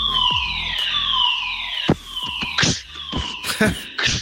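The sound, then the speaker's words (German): A fire alarm blares during a practice fire drill behind the scenes of a morning show, with loud, wailing siren tones that sweep downward in pitch, overlapping and repeating, punctuated by sharp clicks and knocks. “Gestern hatten wir einen Probefeueralarm. So klang das dann.”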